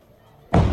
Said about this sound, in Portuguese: E aí a gente consegue ouvir, né, até a explosão. Nesse momento ele está narrando ali a imagem, né, quando ele consegue fazer esse registro, esse drone se aproximando.